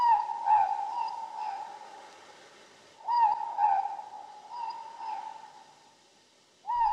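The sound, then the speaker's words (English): A morepork owl (ruru) repeats its two-note hooting call, clear and mid-pitched with a slight downward fall, in several bursts separated by short pauses, with no talking. “The Ruru, the Moor Pork.”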